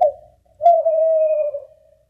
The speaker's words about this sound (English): Okay. Can't just say bird there, okay? We understand. Okay. Oh, it's a type of bird? Oh, oh damn. Jesus. I thought horse.